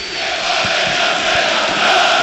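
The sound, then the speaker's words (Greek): A dense, steady roar of PAOK's most fanatical fans shouting together in a stadium in Thessaloniki during the PAOK–OFI cup football match, at 0-0 in the 41st minute; a continuous wall of voices that swells louder toward the end, with no single voice standing out. “Οι φίλοι του ΠΑΟΚ, οι πιο φανατικοί, όλο και πιο δυνατά φωνάζουν.”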